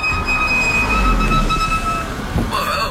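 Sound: car brakes squealing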